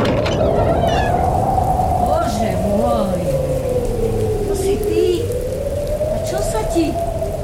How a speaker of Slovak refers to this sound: Prší, nevidíš? No áno, prší.